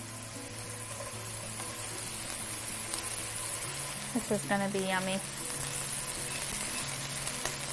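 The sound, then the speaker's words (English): Steady sizzling of mushrooms frying in a hot pan with a little olive oil, a continuous crackly hiss that runs throughout while a person speaks briefly partway through. “And then I'm gonna add the mushrooms. You got a nice sizzle.”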